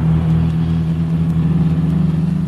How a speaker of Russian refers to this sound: По скверной дороге на бешеной скорости промчалась большая американская машина, обдав нас пылью.